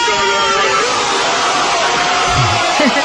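A football crowd roars and shouts in celebration of a goal after Iniesta shoots from a Fábregas pass, a dense, loud, unbroken wall of voices lasting about three seconds, with a few individual yells rising through the noise.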